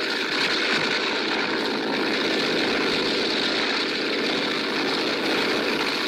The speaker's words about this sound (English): He'll never get off the ground. It's too wet. Plane's too heavily loaded.